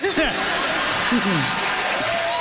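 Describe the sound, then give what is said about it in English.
A quiz show audience applauds a joke answer about PEI turn signals. The clapping is a dense, even wash that lasts the whole time, with bursts of laughter and a few voices rising and falling over it. “Listen to that. The crowd has signaled their enjoyment of that one.”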